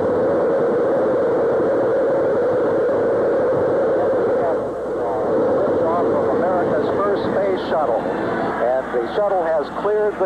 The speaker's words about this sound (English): Well, in the spring of 1981, a new era of spaceflight had begun, when Space Shuttle Columbia soared into orbit on April the 12th. T-minus 10, 9, 8, 7, 6, 5, 4. We've gone for main engine start. We have main engine start.